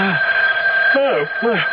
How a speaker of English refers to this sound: The phone, it's ringing. Well, what time is it? It's 3:30 in the morning. Well, who could be calling us now?